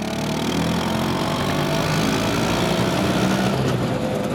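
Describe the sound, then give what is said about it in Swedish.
An Italian Vespa moped engine, the model created in 1946 by Piaggio, runs steadily in Italy, its buzzing, idling drone holding an even loudness throughout with no voices present. “Det är den italienska mopeden Vespa som skapades 1946 av den tidigare flygplanstillverkaren Piaggio.”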